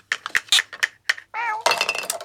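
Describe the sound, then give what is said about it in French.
Several light, quick clinks of small toy tea set dishes tapping together as a mouse and a cat play with them, fairly loud, followed by a short cat meow and a busy rattling clatter. “La souris et le chat jouent à la dinette.”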